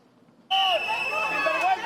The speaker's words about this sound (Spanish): Pitidos y protestas a la llegada de Fernando Grande Marlaska, la delegación del gobierno en Ceuta